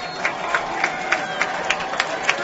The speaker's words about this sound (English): As they get set once more, the crowd gets a little louder.